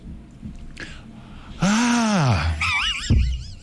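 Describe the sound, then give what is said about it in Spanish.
A loud voice imitates the scandalized female screams heard when a penis-shaped mechanical bull was raised to inaugurate the Alginet fairs: a breathy intake, then a long arching cry followed by a quavering, high-pitched shriek, with no other talk. “Y hubo gritos femeninos también.”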